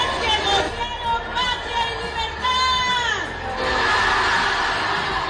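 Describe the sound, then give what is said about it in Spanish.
A large crowd in Mexico yells a drawn-out shout of "Viva" together amid noisy hubbub, then a louder, amplified recorded shout booms in from the background and overpowers them. “Si oíste ahí se escucha primero la gente, el Viva, y luego se escucha atrás bien fuerte el grabado.”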